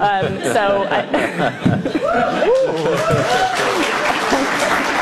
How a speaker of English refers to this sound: they cheer and clap because they are that dumb